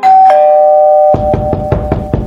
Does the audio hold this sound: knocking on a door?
yes